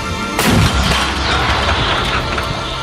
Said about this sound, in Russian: Орудие! Выстрел!